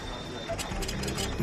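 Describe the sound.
A printer at the Ramstein Community Center runs through a print job, its mechanism giving off a rhythmic series of buzzing, whirring bursts roughly every third of a second at a moderate level, with a voice-like murmur underneath.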